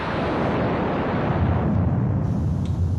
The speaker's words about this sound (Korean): 무거운 우레소리는 첩첩이 쌓인 구름을 찢어버리고 그 속에서 뛰쳐나오려는 듯 점점 가까워졌다. 눈부신 번개가 번쩍하고 지나가면 그 뒤를 쫓아 꽈르릉 하고 큰 천둥이 터지며 사람들의 가슴을 두드리고 대지를 흔들어 놓는다.